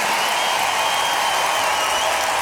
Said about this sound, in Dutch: applaus laten horen voor Frank Jan. Dank jullie wel.